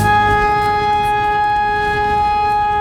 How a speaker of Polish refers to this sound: Syreny alarmowe uruchomiono co kilka godzin, by sprawdzić sprawność urządzeń i procedur przekazywania informacji. Część mieszkańców nie wiedziała jednak, jak powinna zareagować na dźwięk syren.